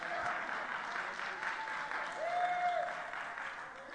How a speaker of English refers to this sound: It will, it could, but I want to praise God for what he's done in my life. Oh, somebody ought to clap your hands.